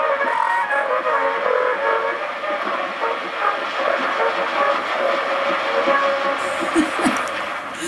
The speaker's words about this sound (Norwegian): altså 17-åringen som spiller på denne voksrullen.